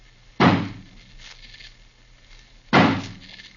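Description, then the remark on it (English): Two heavy, loud axe blows strike a wooden door barred on the inside, a couple of seconds apart, each a sharp splintering thud that rings out briefly before fading, as the door is smashed open. “Suppose we have old Johnny use his axe on it.”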